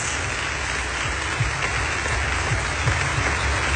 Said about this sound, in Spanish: Den un aplauso más fuerte al Señor.